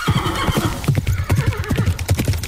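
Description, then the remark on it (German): A horse whinnies over the rapid, rhythmic thud of galloping hooves, fairly loud, with the hoofbeats pounding steadily throughout. “Schrecken sie auf, schauen, was los ist und galoppieren vielleicht sogar weg.”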